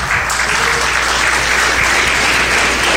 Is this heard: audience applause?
yes